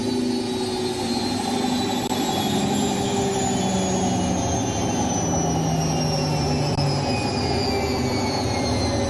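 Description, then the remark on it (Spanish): A washing machine drum spins at high speed with a dress inside, a steady, loud whirring roar and a low rumble, while thin high whining tones slide slowly downward as the spin goes on. “El tambor de la lavadora va a tal velocidad revolucionado que el vestido es solo una rápida mancha descolorida que da vueltas enloquecidas.”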